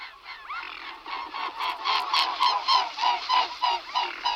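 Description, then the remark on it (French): A mute swan gives a rapid series of hoarse, nasal honking calls, about eight or nine in a steady rhythm, fairly loud, with no talking. “un oiseau, un anatidé, un cousin des canards, c'est le cygne tuberculé.”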